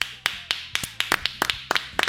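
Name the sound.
applause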